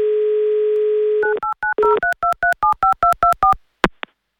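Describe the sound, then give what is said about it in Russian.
A steady telephone dial tone gives way to a quick, even run of about a dozen touch-tone keypad beeps, ending in a short click, as a host dials a listener from Moscow Oblast on air. No one speaks. “Пока гудок.”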